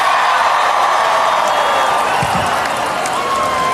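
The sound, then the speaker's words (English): A large concert crowd in Nashville roars continuously, a dense wash of cheering and applause with scattered whoops rising above it, loud and sustained without a break. “… going off, this crowd going off.”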